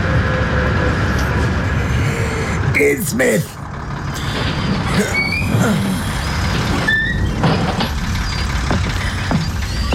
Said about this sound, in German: Wenig später erreichten wir einen großen, halbkreisförmigen Platz. Eines der größeren Gebäude war mit dem Schriftzug Gilman House versehen. Der Bus hielt.